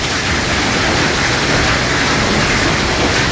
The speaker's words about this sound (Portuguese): Isso é uma chuva de granizo lá em Sertãozinho ontem